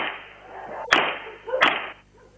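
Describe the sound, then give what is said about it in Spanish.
Two sharp, loud gunshots crack out about three-quarters of a second apart over a steady hiss of background noise, each a sudden bright snap that quickly fades. A criminal shoots a National Rehabilitation Institute police officer point-blank in the back, on a Monday afternoon in the Nuevo Yauri neighborhood. No one speaks. “Este es el momento en que el delincuente le dispara a un policía del Instituto Nacional de Rehabilitación a quemarropa y por la espalda.”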